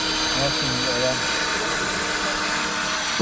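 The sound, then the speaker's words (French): A cordless drill-driver runs steadily and loudly throughout, a continuous motor whine, with a voice briefly audible underneath near the start. “En fait, c'est le même outil, perceuse et visseuse.”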